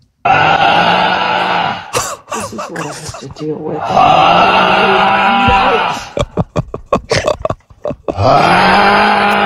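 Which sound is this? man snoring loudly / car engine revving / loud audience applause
man snoring loudly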